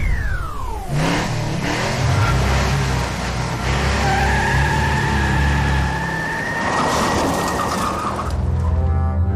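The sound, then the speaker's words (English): A car engine roars and revs hard, with long squealing tire skids whining over the rumble as the vehicle speeds and slides, continuous and loud with no voices. “Hey, our roads are not a place for you to test speed limits and cutting lanes dangerously.”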